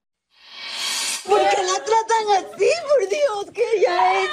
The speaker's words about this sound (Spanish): Agentes del condado de Polk, en Florida, esposan a una mujer mientras su hija yace en una cama de hospital, llorando histéricamente mientras intenta aferrarse a su madre.